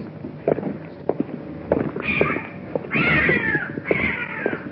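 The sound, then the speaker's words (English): A cat meows three times in quick succession, each call drawn out, following a stretch of soft thumps and shuffling footsteps. “What is that? It's a cat.”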